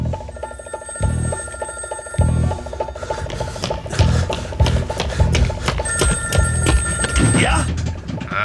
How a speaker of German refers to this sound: Beim nächsten Klingeln hätte ich aufgelegt. Hören Sie auf. Sie hetzen mich durch ganz London, von Telefonzelle zu Telefonzelle.